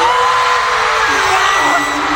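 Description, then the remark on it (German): A dense concert crowd in Munich screams and cheers loudly and continuously as a boy band performs a cover, a wall of high-pitched shrieks and whoops with a few voices sliding upward over the roar. “Alle rasten aus.”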